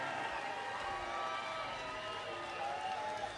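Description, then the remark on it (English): A concert crowd cheers and whoops steadily for a few seconds for a member of the band's touring crew, a dense, sustained roar of voices with no single speaker standing out. “Phil, Ash, Justin, as some of you know, Justin gets a cheer.”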